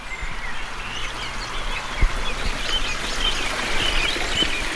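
A steady, gentle murmur of a stream in southern Podkarpacie, Poland, flows throughout, with small birds chirping faintly in the background and a single soft knock near the middle. No one speaks.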